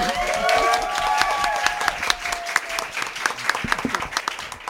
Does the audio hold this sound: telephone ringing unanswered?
no